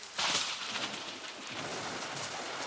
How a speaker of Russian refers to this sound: Хотя гром трещал по-прежнему, и молния полосовала все небо. Гроза хорошая.